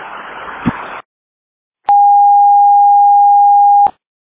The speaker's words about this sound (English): Airport all call alarm. Airport all call alarm. Airport all call alarm. Airport all call alarm.